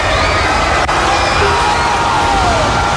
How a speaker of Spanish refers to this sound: Esto fue cuando se estrenó en los cines, la gente enloqueció. Uy, la gente. Aplausos.